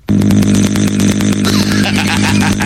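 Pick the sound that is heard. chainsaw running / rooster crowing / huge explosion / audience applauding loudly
chainsaw running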